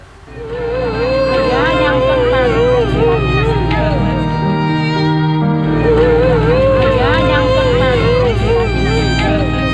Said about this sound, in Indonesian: Tangisan histeris wanita Parubaya ini menyambut kedatangan kapal tim SAR di Dermaga Marina Carita Pandeglang, Banten, Rabu sore.